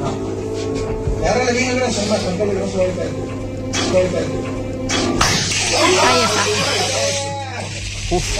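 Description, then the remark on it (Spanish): A sharp electric weapon discharge snaps out partway through as a mayor demonstrates the weapon on a municipal official who volunteered, followed by a rapid crackling buzz, with people talking throughout. “Bueno, ahí está el disparo.”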